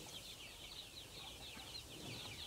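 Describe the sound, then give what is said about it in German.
Young roosters that have broken out of their pen, some struggling to get back in, cluck and chirp in a soft, continuous chatter, many overlapping calls forming a steady, fairly faint flock sound with no voices over it. “Auch wenn den jungen Tieren das Ausbrechen leicht gelingt, der Weg zurück ist für manche mühsam. Das ist typisch Hahn.”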